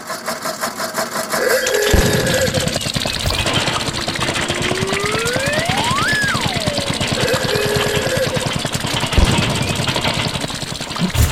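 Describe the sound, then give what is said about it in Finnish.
An older Opel Mokka engine, played back from a phone, runs with a rough, rapidly pulsing idle. Midway a whining tone sweeps up and back down, and a couple of sharp knocks break the steady drone. “Tinni piti siis soittaa tuossa hänen autonsa ääntä, niin mä nyt jostain soitan”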